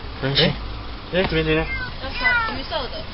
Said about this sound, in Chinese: 高雄市警局古山分局龙华所员警到场，确定有一只幼猫受困在路边车辆的引擎室内，随即通报动保处，并与现场热心民众展开救援。